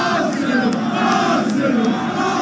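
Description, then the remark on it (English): A huge football crowd of Arsenal fans in red jerseys in North London roars and chants in unison, celebrating the team's Premier League title. It is a dense, steady wall of voices that stays loud for the full couple of seconds without a break. “And North London erupted in a sea of red jerseys.”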